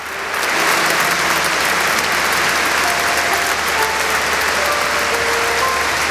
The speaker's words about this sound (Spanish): Esto que estamos escuchando ahora mismo son los aplausos que se están ofreciendo, que se están dando en esa iglesia de San Agustín en Barcelona, donde se encuentra ahora mismo el Papa León XIV, saludando a una de las personas que está interviniendo